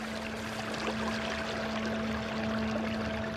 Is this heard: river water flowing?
yes